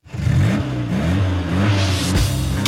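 A car engine revs up loudly, its pitch climbing and dropping in repeated surges before settling into a steady growl, with no voices.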